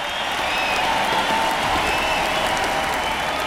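A large arena crowd cheers and applauds, a dense, steady roar of clapping and shouting with a few whistles cutting through, sustained at full volume throughout.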